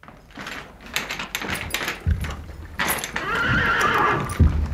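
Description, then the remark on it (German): A horse lets out a loud, quavering whinny that trails downward, while heavy hoof thuds and clip-clops sound. No one speaks. “Du, ich möchte wohin, wo es Pferde gibt.”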